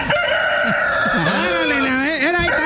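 A rooster crow plays from a toy's speaker as its button is pressed, a single long, bright cock-a-doodle-doo with wavering pitch, loud, filling the whole moment with a slightly tinny, electronic quality.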